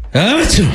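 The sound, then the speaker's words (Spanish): A voice imitates a big sneeze: one abrupt, forceful vocal burst with a rising then falling pitch and a breathy hiss, loud, lasting under a second. “El vampiro sintió el picazón tremenda y estornudó con todo el poder de la noche.”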